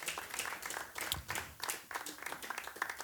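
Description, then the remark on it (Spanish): A church audience claps their hands to God during a sermon in a dense, steady burst of applause, many overlapping claps forming a bright, crackling wash with slight swells in intensity. “Dele fuerte las palmas a él si usted entiende y cree esta palabra.”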